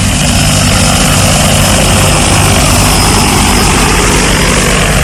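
A loud, steady whirring drone of propellers fills the whole clip, a close continuous buzz with a low engine-like hum and no voices, like a crop-spraying drone flying nearby.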